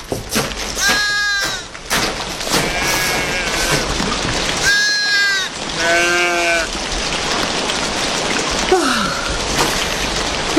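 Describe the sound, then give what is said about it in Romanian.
Several sheep bleat in wavering, overlapping calls over a steady hiss of icy rain falling on a surface. “Hai, oilor, hai, brrrr. Hai, oițelor, hai odată.”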